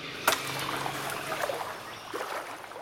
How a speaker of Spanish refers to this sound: Después de casi 2 horas caminando en el agua, nos topamos con la carretera construida por Quequén, el punto donde se corta por completo el canto de las aves, los grillos y el fluir del agua.